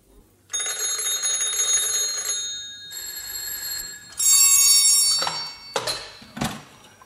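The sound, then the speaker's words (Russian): Telephone bells ring loudly in a few long, shrill bursts that overlap and change pitch, ending with several short metallic clangs. No one speaks. “О трех телефонах и радио.”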